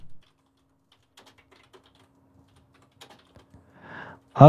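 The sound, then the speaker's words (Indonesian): Someone types on a computer keyboard, a loose scatter of quiet, irregular key clicks, with a few pauses between bursts, ending in a brief louder sound. “Lagi mengetik typing nih teman Bro 2.”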